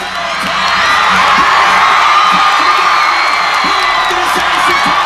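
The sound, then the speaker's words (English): Thousands of football fans at Boston City Hall Plaza, Massachusetts, cheer loudly and continuously as Spain beats Argentina 1-0 in the World Cup final, a dense wall of shouting and whooping voices sustained at a steady roar for several seconds. “The World Cup came to a dramatic end yesterday, and in Massachusetts, thousands of fans gathered at Boston City Hall Plaza to watch Spain beat Argentina 1-0 in the final.”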